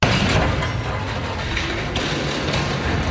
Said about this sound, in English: Crews did their best to upright the crane by using a second crane to get it up. And, well, that also fell and damaged the house worse. God. Here's the second crane smashing